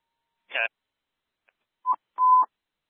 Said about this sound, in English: Testing tones for station 8. Testing tones, station 8.